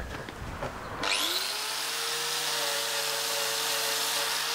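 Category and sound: tool, angle grinder running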